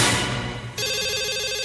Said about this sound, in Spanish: Teléfono celular.